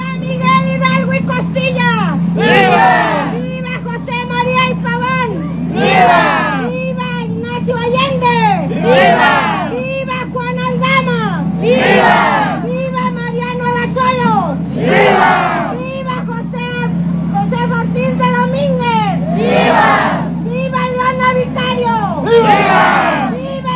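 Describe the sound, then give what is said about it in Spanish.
A large crowd at a Mexican independence celebration (Grito de Independencia) in the Eulalia Guzmán central plaza cheers and shouts vivas naming the heroes of independence, in repeated rising bursts roughly every three seconds, loud waves of voices swelling over a constant low hum of chatter. “Al llegar a la plaza central Eulalia Guzmán, las arengas y las vivas nombrando a los héroes de la independencia continuaron mientras el contingente llegó a este sitio para volver a escuchar los vítores en el centro del lugar.”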